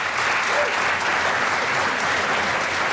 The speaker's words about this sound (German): Man wird klatschen, herzlich natürlich.